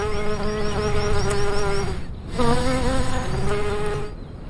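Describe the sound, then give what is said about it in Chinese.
A furry bumblebee, about twice the size of a honeybee, buzzes loudly in flight among flowers on an alpine scree slope, its drone wavering in pitch, briefly dropping off near the middle before surging back up and continuing. “雄蜂和流石滩上的花朵之间有一种奇妙的互动。花朵听到它巨大的嗡嗡声，就会加速生产花蜜，就像是传说中的芝麻开门一样。”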